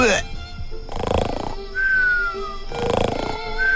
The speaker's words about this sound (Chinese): 这都是什么呀，这边打呼噜那边也打，此起彼伏的，我怎么睡呢？